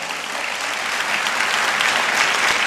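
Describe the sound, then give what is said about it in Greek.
Sustained applause from an audience in 2021, a dense steady wash of many hands clapping at an even, fairly loud level throughout, with no voices standing out. “2021 και από κάτω χειροκροτάνε.”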